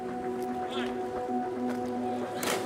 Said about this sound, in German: In der blauen Lagune zwischen der Hauptinsel Malta und der Nebeninsel Gozo tummeln sich Boote jeder Größe.